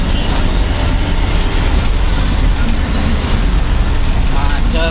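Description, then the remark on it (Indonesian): A steady, dense roar of idling and slow-moving vehicles in a total traffic jam on the Kudus ring road (Jalan Lingkar Kudus) toward Pati, with deep engine rumble and constant road noise, unbroken for the whole stretch. “Ini lagi memantau situasi antrian di Jalan Lingkar Kudus.”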